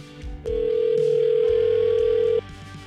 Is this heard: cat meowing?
no